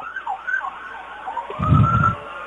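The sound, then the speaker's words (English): Fire truck sirens wail in rising and falling sweeps as the trucks pass in a parade with their lights going, joined midway by a loud, deep rumbling blast as the vehicles roll past. No one speaks. “Again, it's nice to hear them when it's not an emergency.”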